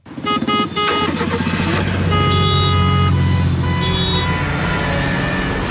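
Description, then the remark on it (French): Dense city car traffic with several horns honking over a steady engine rumble, loud, the blaring tones overlapping throughout with no pause. “En principe, ce dimanche, nous ne devrions pas entendre ces sonorités à Bruxelles, puisque c'est journée sans voiture”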